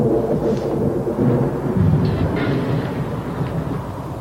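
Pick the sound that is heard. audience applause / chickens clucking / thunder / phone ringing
thunder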